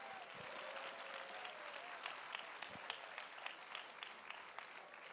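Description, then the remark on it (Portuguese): An audience claps steadily in sustained applause for the Lord Jesus, a dense wash of many hands at moderate loudness, with a faint murmur of voices beneath it. “Mais palmas para o Senhor Jesus.”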